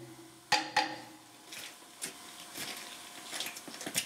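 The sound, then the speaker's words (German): Two sharp, ringing metallic hammer taps close together, then a series of softer, irregular knocks as a hammer tests screw connections on a fired-up locomotive, checking by the sound whether they are tight; no one speaks. “Ja, der Hammer ist ein Universalwerkzeug und vor allen Dingen ein verlängertes Ohr. Also wir nutzen den hier, um Schraubverbindungen abzuklopfen.”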